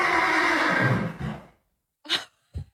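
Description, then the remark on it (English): A horse lets out a loud, rough whinny that trails off after a second and a half, then gives two short breathy snorts, during a horse rescue. No one speaks. “That is the dirtiest sounding horse rescue I've ever heard.”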